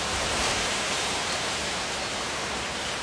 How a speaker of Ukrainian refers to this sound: Одного дня налетів сильний вітер.